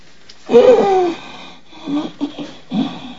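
Noisy, wheezing breaths: one long raspy, whistling inhalation, then several shorter strained wheezes in an uneven rhythm.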